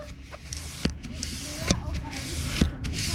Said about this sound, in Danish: Ja, hører dere lyden? Det altså ballongpumpa som går for fullt. Hvorfor den går for fullt, det skal dere få vite mer om ganske straks.